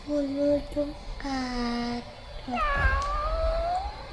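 A series of high, whiny meows, sent in as a listener's message to a radio program: a few short ones, then a long drawn-out wail that bends down in pitch. Fairly loud over light background noise.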